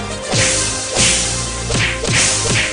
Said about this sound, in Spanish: A través de los duelos de la Qué Buena, Qué Bonito, se están empezando a romper el tronco el cacho. A pura bofetada y cachetada guajolotera lo tiene. Al más puro estilo de avestruz, a puro cocotazo y zapes.